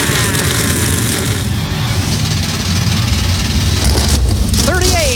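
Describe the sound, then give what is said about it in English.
NASCAR Cup Series race car engines at Chicagoland fire up together on the start-your-engines command into a loud, dense, continuous roar with throaty low rumbling and bursts of revving, and a brief rising whine near the end. “Cup Series machines come to life for the first time in 7 years.”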